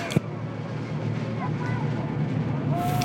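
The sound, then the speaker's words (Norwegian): A steady rumble of several motorcycle engines in a motorcade heading up at Slottsplassen, the palace square, droning and holding fairly even, with a brief knock near the start and faint crowd noise around it. “Slottsplassen akkurat nå, en motorsykkelkortesje på vei opp.”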